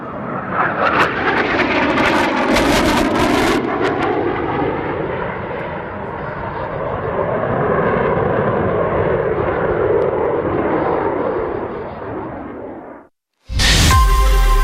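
A small aerobatic airplane's engine roars loudly and steadily overhead at an air show for about thirteen seconds, its pitch rising and falling as it maneuvers, before cutting off abruptly into a brief burst of unrelated noise.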